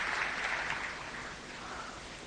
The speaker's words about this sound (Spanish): Acá lo aplauden, por si no escuchan.